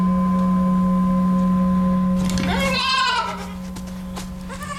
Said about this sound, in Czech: Postupně začnou přicházet další kůzlata, která míří přímo k Djokovičovi, tak jako kdyby trochu následovala svého vůdce.